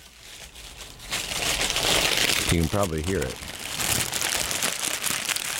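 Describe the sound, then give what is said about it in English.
Continuous crinkling and crackling of a snack's stiff brown wax paper wrapping being unfolded, rustling steadily for several seconds while a man speaks briefly over it. “That's the brown paper wrapping.”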